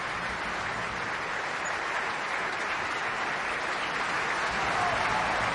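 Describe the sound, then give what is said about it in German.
Steady, dense applause from a large opera audience after a performance of Rienzi, for singer Andreas Bauer Cannabis, who sang Stefano Colonna; a continuous wash of clapping hands that holds an even, fairly loud level throughout with no voices standing out. “Das ist der Applaus für Andreas Bauer Cannabis.”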